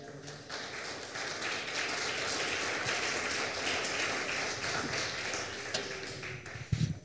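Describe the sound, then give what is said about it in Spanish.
A church audience applauds God, a dense, steady wash of many hands clapping that holds at an even level for about seven seconds, with some voices faintly mixed in beneath the clapping. “Un aplauso a nuestro Dios.”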